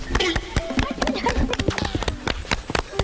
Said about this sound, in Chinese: 我和大姐脚下的这片梯田看似平平无奇，但是底下暗藏玄机。咱俩一起拍拍手啊，一二三。